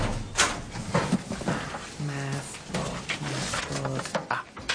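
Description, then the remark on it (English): A metal school locker door is pulled open, with a sharp clank followed by a drawn-out, squeaky creak of the hinge and a few rattling knocks. “This fell out when you opened your locker.”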